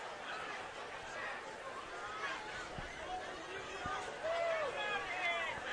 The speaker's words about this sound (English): Crowd waiting for the call.